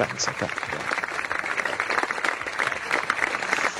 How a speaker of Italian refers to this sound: Lo facciamo? Un bel applausetto a distanza, Yves, dai.